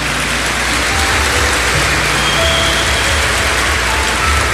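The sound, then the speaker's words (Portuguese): A crowd applauds with dense, steady clapping that holds at an even, loud level throughout, a continuous hiss of many hands with no voices over it. “E se vocês estão aplaudindo é porque é verdade o que eu acabei de dizer.”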